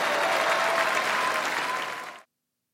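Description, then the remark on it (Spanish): Audience applause, a dense, steady wash of clapping hands that holds at an even level for about two seconds, then fades out quickly into silence. No voices are heard. “¡Bravo! Demasiada como para tan poco aplauso.”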